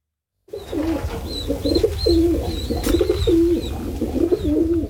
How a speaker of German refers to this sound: Es flattert und gurt in Basel-Stadt. Wer sich mal ein bisschen umschaut und hört, merkt, die Stadt gehört schon lange nicht mehr nur den Menschen.